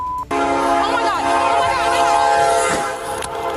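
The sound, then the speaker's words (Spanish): A train's horn blares in one loud, sustained multi-tone chord for about three seconds over the rumble of the passing train, then cuts off abruptly; in Platteville, Colorado, where a police car with an arrested woman inside had been left on the tracks. “pero cuando la pusieron en la patrulla, la dejaron sobre las vías del tren y ocurrió lo inminente.”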